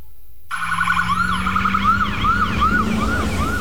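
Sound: ambulance siren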